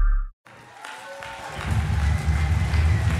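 The old wooden deck of a sailing ship creaks with a few drawn-out, strained groans over a steady rush of wind and water, with a deep rumble swelling underneath after a brief pause.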